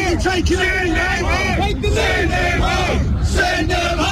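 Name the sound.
protest crowd shouting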